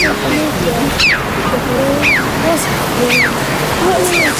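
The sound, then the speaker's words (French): Two red-billed choughs, black birds of the crow family, in flight give sharp, high, downward-slurred calls, about four of them roughly a second apart, over a steady rushing roar like surf or wind. “Donc c'est son cri que vous entendez là qui est assez spécial. Le crave à bec rouge, un oiseau de la famille des corvidés, Donc les corbeaux, les corneilles, tout ça,”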